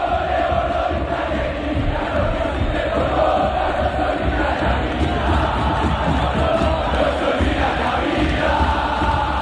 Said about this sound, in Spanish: Escuchá, escuchá. ¿Cómo no conmoverse? Escuchá el hincha de Boca. Muchas gracias, Palermo, le gritó.